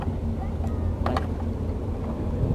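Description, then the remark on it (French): A motorboat engine drones steadily on a lake, a constant low rumble with wind buffeting the microphone and a couple of brief knocks partway through. “Ouais, les bruits de lac, c'est surtout les bruits de moteur.”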